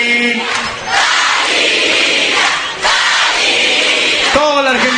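A large crowd shouts a name in unison, two long, loud sustained roars back to back, with a lone voice calling out briefly before and after.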